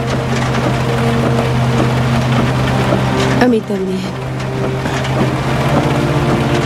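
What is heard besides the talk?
heavy rain pouring down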